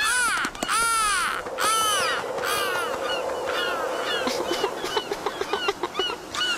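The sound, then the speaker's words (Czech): Harsh, laughing calls of a black-headed gull that has just snatched a fish ring out loud, repeated squawks that quicken into a rapid cackling series toward the end, with no voices. “Sebral mi rybu a ještě se chechta. Racek jeden chechtavý.”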